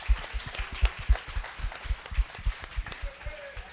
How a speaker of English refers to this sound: I would like to say thank you to all of our partners that are listed up here. They all had a great hand. Yes, give them all a round of applause.